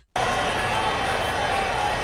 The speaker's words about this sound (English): Nothing is better in sports than your team getting a score and hearing the crowd roar as the commentators animate.